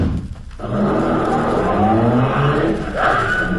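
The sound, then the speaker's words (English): A car engine roars into loud, steady acceleration after a brief lull, its pitch climbing and surging again near the end, dominant throughout. “Yank the dame back in the car.”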